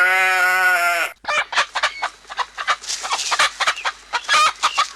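A flock of chickens clucks busily while being given feed, dense overlapping squawks and clucks in an uneven rhythm, after a brief sustained tonal animal call at the start; no one speaks.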